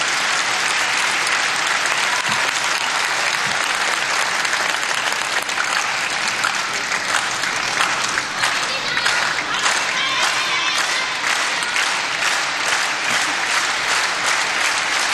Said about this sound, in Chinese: 现场的观众还是很懂球的啊，知道这个时候来到了第三局关键的比分段，也通过密集的快节奏的掌声来烘托氛围。